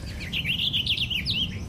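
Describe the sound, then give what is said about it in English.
A purple finch sings a quick, rich warble of bright rolling notes lasting just over a second, clear over a low rumble of outdoor background noise. “Oh, this purple finch is great.”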